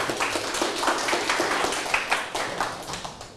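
A group claps together for several seconds for a team that scored seven smiley faces, a steady burst of overlapping hand claps that thins slightly toward the end, with no talking.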